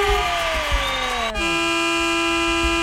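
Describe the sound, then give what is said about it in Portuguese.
A loud truck air horn, sounded for a late-night listener honking session on Band radio, blares continuously, its stacked tones sliding down in pitch before settling into a steady, sustained blast for the whole stretch, with no one talking. “dá aquela buzinadinha boa, vai.”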